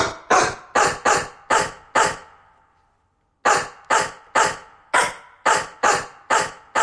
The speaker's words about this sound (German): Ja, hat schon mal eine gute Stimme, oder? Und so klingt's, wenn wir uns Horsts Bellen schnappen und daraus einen bekannten HR4-Hit zaubern.